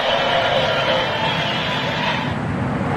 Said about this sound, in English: So as you could hear, there was thunderous applause. He was well received.